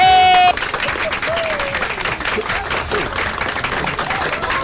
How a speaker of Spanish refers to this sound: Muy bien, aplauso, aplauso.